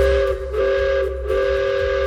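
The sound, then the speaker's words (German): A loud, sustained steam train whistle blows in long tonal blasts with brief dips between them, over a low rumbling background and no voices. The steam train runs in the Achertal valley in the Black Forest, Germany, operated again by volunteers after many years. “So klingt's jetzt endlich wieder im Achertal im Schwarzwald. Ehrenamtliche Helfer haben's geschafft, dass hier nach vielen Jahren wieder ein Dampfzug fährt.”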